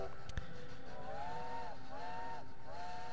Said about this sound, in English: Listen to that train whistle go by.